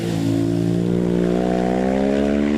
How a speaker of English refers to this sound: we're listening again to that 2000 Honda with Michael Dunlop. Up through Glen Helen, listen to this.